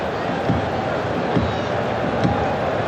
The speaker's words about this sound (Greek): Κοπάσει λίγο και ο κόσμος φωνάζει. Και δεν ξέρω αν αυτός δέχτες σας και ο ήχος που πέφτει στα μικρόφωνα που είναι περιμετρικά του γηπέδου.